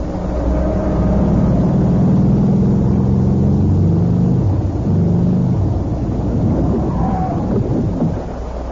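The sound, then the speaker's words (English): A heavy storm roars steadily, with deep rolling thunder rumbling low and loud throughout, and a wash of rain hissing over it, with no voices. “I mean, the storm's not worth it, anything.”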